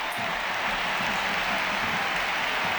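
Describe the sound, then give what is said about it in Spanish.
A huge crowd of 40,533 at the Camp Nou stadium gives a sustained ovation as Graham-Hansen is substituted, dense clapping and cheering blending into a steady, loud roar that fills the whole moment without letup. “La primera sustituida es Graham-Hansen, que se lleva esta ovación.”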